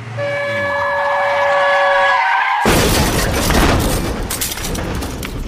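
Car crash sound effect for a car brutally knocking down a little girl on her way home from school: a steady, high horn-like tone blares for about two seconds, then cuts to a sudden loud smash of crunching metal and shattering glass that roars on to the end.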